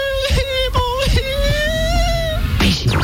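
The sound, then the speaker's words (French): A voice imitates a little girl crying: a few short high-pitched sobbing catches, then one long, drawn-out rising whine, loud, ending in a breathy rush. “Écoutez-le faire la fillette qui pleure.”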